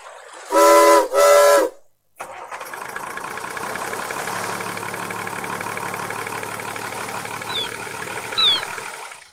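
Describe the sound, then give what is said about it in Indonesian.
Two loud, long blasts of the steam whistle of Professor's ship ring out back to back as the ship is started, followed by the steady rumble and hiss of its engine starting up and running, with faint high chirps near the end. “Yuk kita hidupkan kapal Profesor.”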